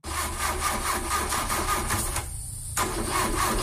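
A car engine cranks repeatedly with a steady churning rhythm, loud, pausing briefly before grinding on again without catching. No voices are heard.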